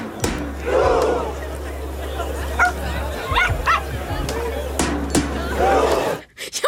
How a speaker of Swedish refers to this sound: Att man mest har en gläfsande hund. Är inte det underbart?